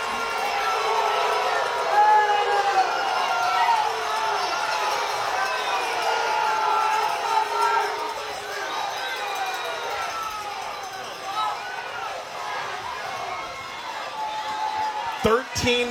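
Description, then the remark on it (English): An American football crowd roars steadily during a stoppage for an Eagles injury on third and inches, a dense wall of cheering and shouting that swells and dips slightly, with scattered whoops rising above it and a couple of sharp thumps at the end. “And I don't have to say a thing. I'll let the crowd.”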